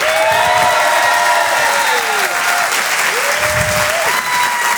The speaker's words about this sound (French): Je vous demande un tonnerre d'applaudissements pour Monsieur Brahms.